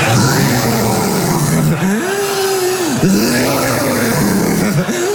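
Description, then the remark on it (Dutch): A voice imitates a jeep braking on a forest floor, as a comparison for someone's snoring: a loud, continuous, growling rumble whose pitch swoops up, holds and dips several times over about five seconds, with no words spoken. “Ik zeg, als jij snurkt, het klinkt als een jeep die afremt op bosgrond.”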